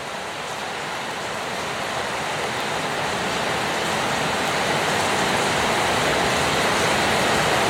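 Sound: torrential rain downpour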